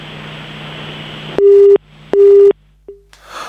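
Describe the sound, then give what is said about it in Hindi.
A phone call from Surkhet to a Radio Nepal programme drops with a hiss, then two loud, steady beeps of a disconnected tone sound with a short gap between them, followed by a faint blip and rising static. “और हालचाल बताने के बजाय ये सीटी बजा गए हैं, मेरा मतलब प्राकृतिक कनेक्शन कट हो गया प्राकृतिक रूप से,”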